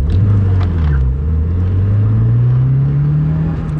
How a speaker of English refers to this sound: A silver sedan screams through a multi-story parking lot. Its driver, dressed in black leather and shiny PVC, stares determinedly ahead through her dark sunglasses, focused on her escape. She's being chased.